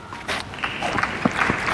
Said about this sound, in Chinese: 掌声。